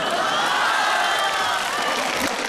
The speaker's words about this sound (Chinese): 我都这么惨了，你们还鼓掌啊？